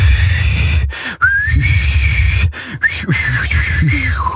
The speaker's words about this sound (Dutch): Hoe je denkt dat je klinkt als je fluit? Versus de realiteit.